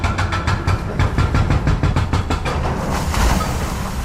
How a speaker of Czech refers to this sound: Rypadlo se právě provrtalo posledním kusem zdi a jak pomalu upadávají jednotlivé kusy, tak mizí i provizorně nasprejovaný barevný obrázek brněnské šaliny.